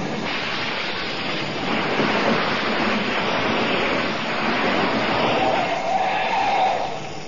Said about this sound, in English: should be here with his truck any minute. Hey, here he comes now.